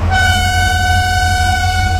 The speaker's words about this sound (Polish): No właśnie, odgłos lokomotywy, szum kół po torach, może gwizdek konduktora. Jakie macie skojarzenia związane z tymi dźwiękami?